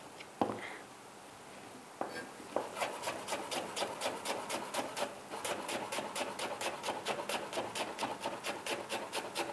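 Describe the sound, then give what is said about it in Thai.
A small mango being grated into strands with a serrated peeler for a Thai rice dish with shrimp paste: a steady run of quick, raspy scraping strokes, about two a second, after a couple of initial knocks, with no talking. “มะม่วงเราใช้มะม่วงอะไรดีเล็กแบบนี้น่าจะเปรี้ยวไม่อยากหั่นอย่างนี้คุณผู้ชมจะเอาที่ขูดหรือว่าที่ปอกเปลือกที่เป็นหยักๆขูดแล้วมาเป็นเส้นเนี่ยก็ได้นะคะ”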